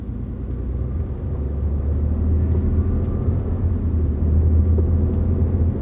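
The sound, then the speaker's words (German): A helicopter's steady, heavy rotor rumble drones continuously and fairly loud, dominated by deep low-end throb with no voices or breaks, holding nearly constant for the whole stretch. “Zentrale, hier Helikopter Wispy 02.”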